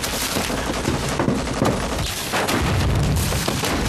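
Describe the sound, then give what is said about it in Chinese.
A dense, sustained barrage of gunfire mixed with deep artillery booms, rattling continuously for the whole stretch at a steady, fairly loud level, like a heavy battle raging, as Japanese troops attack in fierce fighting. “哪来的枪炮声？”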